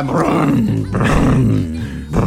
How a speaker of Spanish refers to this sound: A esa moto le falta aceite, ¿viste? Usted en vez de cargarle combustible le cargó aceite de cocina. Ese que ya no se puede fritar más nada.